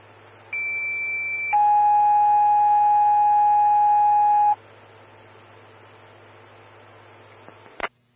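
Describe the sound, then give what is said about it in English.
Evergreen Fire dispatch alert tones for station 2, engine 132 and medic 122 on a back pain call: a steady high-pitched tone holds for about a second, then drops to a lower, louder tone sustained for three seconds, over a faint radio hum with a brief click afterward. “Medic 122, standby for tones on a back pain.”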